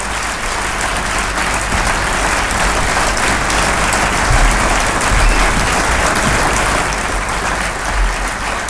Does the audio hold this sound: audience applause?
yes